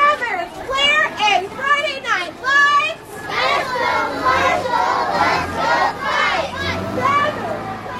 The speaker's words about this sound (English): Each class held a banner matching this year's homecoming theme and chanted slogans of support for Marshall